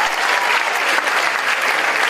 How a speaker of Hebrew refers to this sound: איפה כפיים